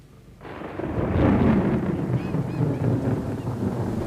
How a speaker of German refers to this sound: Es gewittert.